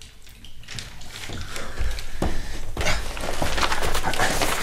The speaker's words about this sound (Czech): A zastav tu vodu.